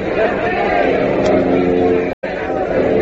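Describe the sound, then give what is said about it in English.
A large crowd watching planes skywriting "Air Forces Day" cheers in a loud, steady roar of mingled voices that fills the whole stretch, broken only by a brief dropout near the end. “Listen to the crowd. They love it.”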